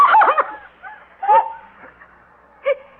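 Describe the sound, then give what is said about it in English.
The Kronheims' dog, which has a white patch on its face, barks in short, sharp bursts as it runs: a quick flurry at first, then two separate single barks spaced apart, clear with no voices over them. “That dog is running right up to...”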